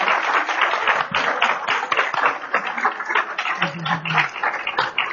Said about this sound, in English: Round of applause. Thank you.